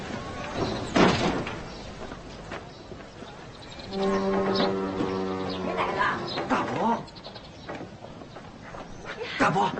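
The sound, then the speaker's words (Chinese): A house door is opened for arriving visitors with a sharp thud early on, then a long creaking squeal as it swings, followed by footsteps and scattered voices talking. “奶奶，开门！奶奶，来了来了！”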